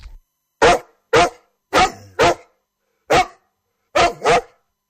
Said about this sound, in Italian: A interrompere il flusso dei pensieri, irruppe un inaspettato alleato, un cane randagio che abbaiava in rima.